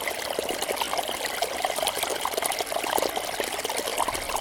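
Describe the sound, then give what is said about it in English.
Fast-flowing water rushes and gurgles over stones in a steady, busy stream, close by and continuous, with bright splashy bubbling throughout and no voices. “It's fast-flowing water, rushing over stones, gurgling”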